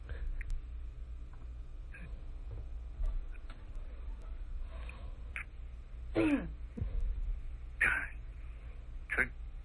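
A man clears his throat and coughs several times in short, rough bursts spaced a second or two apart, over a low steady background hum.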